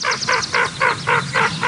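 A hooded merganser gives a rapid series of about seven harsh, croaking calls, evenly spaced and fairly loud, with no talking over them.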